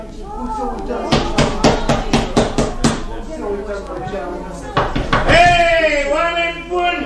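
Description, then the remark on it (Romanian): A quick run of about eight sharp knocks on a neighbour's door by someone come to ask for a cauldron, a pause, then a few more raps before people start talking loudly. “De ce te atingi, tâlharule, de ușă?”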